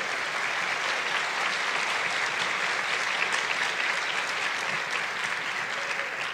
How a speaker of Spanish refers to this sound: ¿Cuántos quieren ser bendecidos en el área financiera? Dar un aplauso a Jesús.